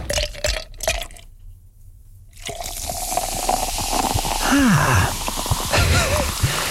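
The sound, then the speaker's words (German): Ice cubes clink against a glass with liquid. A few sharp taps and a brief silence give way to steady fizzing, crackling and gentle ringing chimes, with no voices. “Eiswürfel im Glas.”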